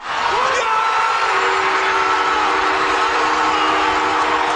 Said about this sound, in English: The sound of 21,000 fans at the Bell Center watch party reacting to their home team's Game 7 winning goal on Sunday night.